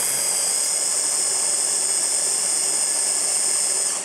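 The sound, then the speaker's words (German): A blender whirs steadily through a thick mixture of capers, tuna and anchovies, a loud, continuous high-pitched motor whine with a gritty churning texture, running without pause and without talk. “So, und jetzt muss ich hier einmal wirklich alles ordentlich mixen.”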